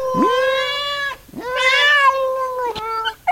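A cat meows loudly in two long, drawn-out wailing cries, each rising and holding a strained, yowling pitch, followed by a couple of shorter clipped mews, with no talking.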